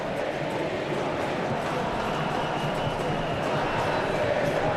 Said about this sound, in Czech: Slyšíte, jaký ohlas to vzbudilo, píská se na Riedra, který netrefil vůbec prostor, který chtěl.